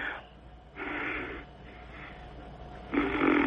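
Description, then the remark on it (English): Heavy, raspy breathing right up against the microphone, with three loud breaths about a second apart, each rough and slightly snore-like, and no talking. “I love when you're just breathing there and you're, it sounds like you're tooting.”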